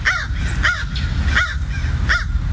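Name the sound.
crow cawing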